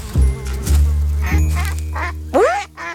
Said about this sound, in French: Tiens, des canards. Devant lui, Tout doux voit une grande mare avec des canards.